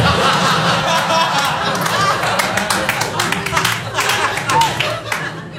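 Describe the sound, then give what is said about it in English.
An audience at a comedy show claps unevenly and reluctantly after a joke, the applause scattered and half-hearted, with chuckles and murmuring laughter mixed in. It holds at a fairly steady, moderate level with no clear rhythm. “Thank you for the reluctant Rudy clap.”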